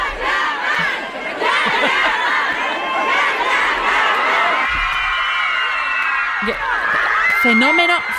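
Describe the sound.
A large crowd of thousands of fans outside an airport screams and chants Kanyaman continuously at high pitch, a dense wall of overlapping shrill voices that stays loud throughout, with a few individual shrieks rising above the roar.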